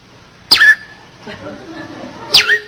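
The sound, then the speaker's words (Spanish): Two short, bright whistles from a person mimic a female bird's flirty call, each a quick downward-sliding note, spaced about two seconds apart with soft murmuring in between. “Y la pajarita toda coqueta le comienza a silbar, ¿no?”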